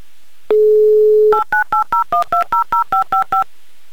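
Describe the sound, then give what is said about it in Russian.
A steady dial tone is followed by a rapid run of about eleven short, evenly spaced touch-tone beeps as a phone number in Moscow is dialed to call back a radio listener, each a crisp two-pitched chirp, with no voices. “Еще раз звоним в Москву.”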